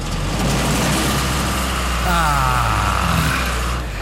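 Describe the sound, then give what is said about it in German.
A loud tractor engine rattles and chugs steadily at a tractor parade through the village of Hain in the Südharz, its low diesel rumble rising slightly in pitch midway before settling again, with no break in the noise throughout. “Im schönen Hain im Südharz zieht traditionell jeden zweiten Sonntag im Mai die Treckerparade durchs Dorf.”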